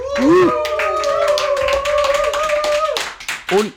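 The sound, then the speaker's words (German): An audience claps steadily and densely for several seconds for a woman on stage, while a long, high held cheer rings over it; voices shout briefly at the start and end. “Macht mal Lärm für die liebe Dame hier.”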